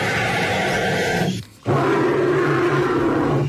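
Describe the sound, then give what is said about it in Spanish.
A bird gives a deep, roar-like call: two loud, raspy bursts, the first about a second and a half long, then a brief pause before a longer, rumbling second roar. “¡Los dos son pájaros!”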